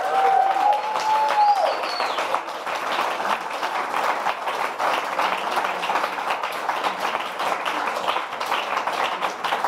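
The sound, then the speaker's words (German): Steady, loud applause from an audience for all the artists after the last pieces of the 'kurzes brennendes Mikro' stage event fills the whole stretch, a dense crackle of many hands clapping, with a brief whistle or cheer rising over it at the start. “Aber erstmal genau ein Applaus für alle Künstler und Künstlerinnen.”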